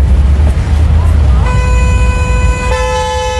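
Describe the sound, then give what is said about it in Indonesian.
Over a low rumble of idling traffic in a traffic jam, a loud car horn starts up and holds a long, steady blast, its tone shifting slightly partway through as another horn joins in. “Duh, macet banget nih.”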